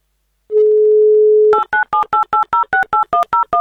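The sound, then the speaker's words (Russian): A steady, low dial tone hums for about a second, then a quick, even run of roughly a dozen touch-tone beeps as the Avtoradio radio station dials a contest player's phone number to call them back. No voices. “Так, номер Дамира набран.”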